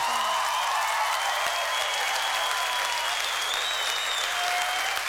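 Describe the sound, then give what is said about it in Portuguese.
Steady, sustained applause from an audience fills the whole stretch, a dense wash of clapping hands at a constant level with no voices standing out. “Filho de Livramento, uma salva de palmas para esse grande nome,”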